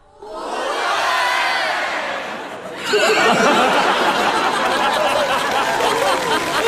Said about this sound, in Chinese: 你听听观众反馈， 你听听开场以来最爆发的掌声。